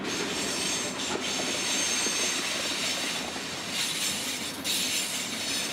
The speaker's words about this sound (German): Und ich habe jetzt die Aufgabe, den Pendel zu fahren, die Schotter und Erde zu fahren von einem Lagerplatz in Hannover zur Baustelle nach Eschede. Dafür hat er mal wieder einen Bauzug am Haken.